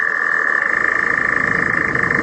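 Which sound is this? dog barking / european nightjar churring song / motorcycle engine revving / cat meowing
european nightjar churring song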